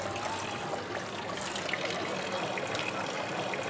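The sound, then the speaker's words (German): Clean, drinkable water pours steadily from a 15th-century fountain decorated with dolphins in the heart of the old town of Rethymno, a continuous splashing gush with a bright hiss across the highs, holding even in loudness throughout with no voices. “Das ist der traumhafte Brunnen.”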